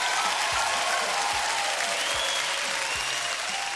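Steady applause from a crowd, dense clapping filling the whole few seconds at a loud, even level with no voices standing out.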